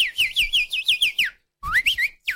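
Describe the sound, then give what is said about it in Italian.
A person whistles an imitation of goldfinch song: a quick run of bright, chirping up-and-down notes, a brief pause, then another short twittering burst, fairly loud. “Ma senti che è un uccellino, guarda, veramente è un cardellino.”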